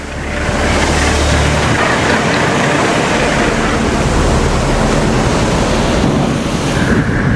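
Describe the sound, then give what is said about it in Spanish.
Ocean waves wash steadily onto the shore in the surf zone in a loud, continuous roar of surf, with a gusty wind rush over it and no voices. “Porque la combinación de las influencias de la tierra y el mar y las fuerzas de lavado de las olas hacen que éstas estén entre las aguas más ricas en nutrientes de la tierra.”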